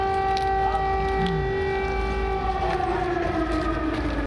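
A loud air raid siren wails steadily in Kyiv, Ukraine, during German Chancellor Friedrich Merz's visit, its sustained tones slowly sliding downward in pitch over a low rumbling background, then cutting off abruptly at the end.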